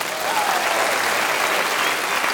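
Steady, dense applause from a sizable audience, a continuous wash of clapping at even loudness throughout with no voices standing out.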